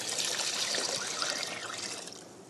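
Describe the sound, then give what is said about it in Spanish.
Water, about 6 to 8 cups, pours steadily into a soup pot, a continuous splashing gush that holds for a couple of seconds before easing slightly toward the end, fairly loud with no talking. “Vamos a hacer como que ya pasaron los 5 minutos y vamos a agregar agua, más o menos unas 6, 7, 8 tazas, dependiendo de qué tan líquido, cuánto líquido usted quiere en su sopita.”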